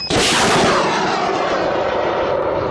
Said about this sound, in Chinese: 当晚23:30，随着现场指挥口令下达，大海子与东都京两处山区作业点同步发射增雨火箭弹。